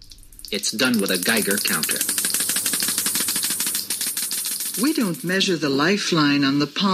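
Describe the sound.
Rapid, dense crackling clicks of a Geiger counter run steadily throughout, loud, while a person speaks over them.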